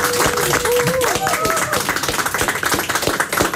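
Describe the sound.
Steady, lively applause from a small group in a radio studio for a quiz contestant fills the whole moment, dense clapping with voices calling out over it.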